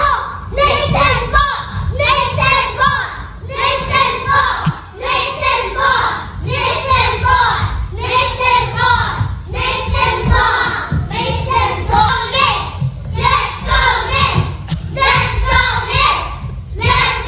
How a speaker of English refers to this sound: The kid's running around like a kindergarten classroom wearing a Knicks jersey. Other Knicks fans are there. Our kids are all cheering about the Knicks. So here's the play of the day. Here's what went on in this classroom earlier today.